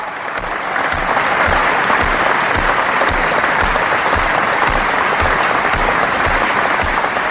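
Loud, sustained applause from a large standing audience in an exhibition hall (Messehalle), honouring dramatist Milan Uda after a prize ceremony, a dense wash of clapping that holds steady for the whole stretch without pausing, no voices standing out.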